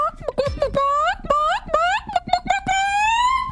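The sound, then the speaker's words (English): A person gives a sample of contest-style chicken calling, loud, with a rapid string of short rising clucks followed by a longer drawn-out squawk. “I think it was in Iowa, they were having a contest for chicken calling.”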